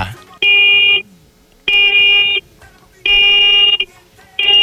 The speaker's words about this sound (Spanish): Adelante, cocodrilo, haz lo tuyo. Va, muñeco, regálame cuatro bocinazos medianitos ahora.